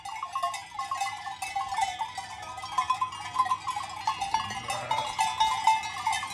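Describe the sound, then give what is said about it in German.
A flock of sheep being driven down to the village from the Gurschelhof farm in the Schnalztal, including 122 of the farm's own sheep, 30 black Jura sheep and about 60 of a neighbour's: many bells clanking and jingling in a dense, irregular tangle, with scattered bleats beneath the steady metallic clatter. “Heute sollen die Schafe hinunter ins Dorf vernackt getrieben werden.”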